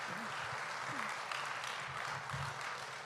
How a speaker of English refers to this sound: Aplauso a Cristo. Aleluya. Give a round of applause to Christ.